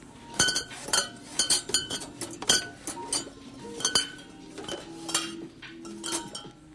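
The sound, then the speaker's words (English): Glass bottles on store shelves clink one by one against each other and against the shelving in a steady string of bright, sharp taps, fairly loud, with a faint store hum underneath and no talking. “Glass bottles clinking on the shelves one by one.”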